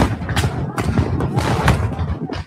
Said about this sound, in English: All of a sudden, Bautista is in the middle of a battle. Smoke, gunfire, chaos.